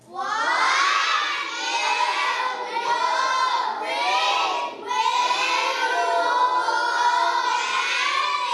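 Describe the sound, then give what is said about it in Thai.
A large group of children in a classroom shouts loudly in unison, asking their teacher a question together, their high-pitched voices sustained for several seconds, with one brief dip midway before the chant surges back. “เด็กๆช่วยกันถามครูอันหน่อยดังๆกลุ่มไหนเสียงดังก็จะมีคะแนนพิเศษให้ 1, 2, 3, go.”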